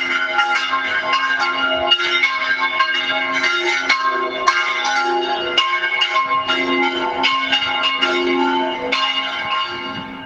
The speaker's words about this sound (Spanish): Pues es el sonido de las campanas, hasta tres a la vez, de la iglesia de la zona de Soto de la Marina.